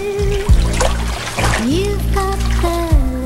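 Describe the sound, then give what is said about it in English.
A woman steps into the steaming water of a hot tub; water sloshes and splashes, with soft trickling between movements, set against a sustained musical backdrop with shifting tones. “She lets her robe slide down and steps into the steaming water.”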